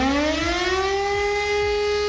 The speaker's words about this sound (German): Habt ihr schon bei uns gehört, heute ist wieder bundesweiter Warntag. Dann heulen nicht nur die Sirenen, auch unsere Smartphones bimmeln wie wild.